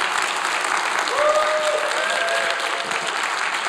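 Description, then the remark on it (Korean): A crowd applauds steadily for several seconds, a dense, even wash of many hands clapping at constant loudness, with a faint whistle-like tone briefly rising above it. “박수가 한번 나올 만한데.”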